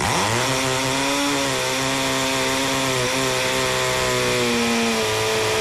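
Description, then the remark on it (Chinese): A power drill whirs up to speed and keeps running in a steady, loud, high-pitched drone for several seconds, with no one speaking over it. “这个80多分贝的蝉鸣声达到峰值的时候，它其实就相当于是持续的电钻声。”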